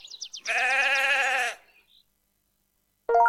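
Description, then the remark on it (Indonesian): A sheep lets out a long, loud, wavering bleat lasting about a second, preceded by brief high chirpy sounds, then silence before another short bleat begins at the end. “Domba. D. Domba.”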